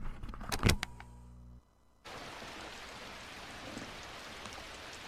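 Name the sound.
rain falling outside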